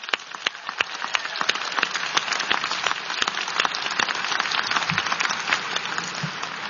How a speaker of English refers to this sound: So let's applaud your team up there.